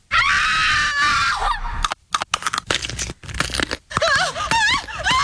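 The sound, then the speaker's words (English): A man screams in panic while a bear attacks him, biting at his nose: a loud, long, strained, high-pitched cry followed by a rapid series of choppy, wavering yells and shrieks. “You sound like a girl when a bear's biting on your nose.”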